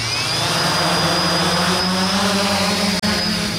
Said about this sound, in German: Zwei Drohnen starten in einem riesigen Käfig, 15 Meter hoch, erinnert an eine Vogelvoliere.